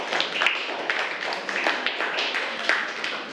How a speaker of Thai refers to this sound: ปรบมือให้กลุ่มนี้ก่อนเก่งมาก